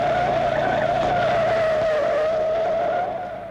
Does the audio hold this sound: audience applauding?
no